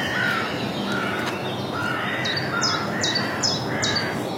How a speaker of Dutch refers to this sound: Kijk, daar is hij duidelijk aanwezig, die chipchap.